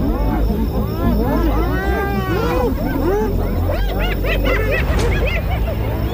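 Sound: spotted hyenas mobbing lions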